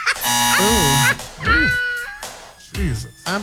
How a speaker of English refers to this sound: gave you the buzzer before you even tried.